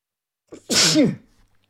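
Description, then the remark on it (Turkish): A single loud sneeze: a quick inhaled catch, then a sharp burst of breathy noise with a voiced cry, fading out within about a second, with no talking. “Affedersiniz, hapşırdım.”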